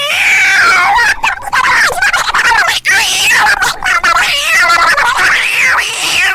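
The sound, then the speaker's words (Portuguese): A human voice imitates a cat fighting a dog, producing loud, continuous yowling and screeching wails that rise and fall with barely a pause for about six seconds. “Você já viu aquele vídeo do cachorro, do gato brigando com o cachorro?”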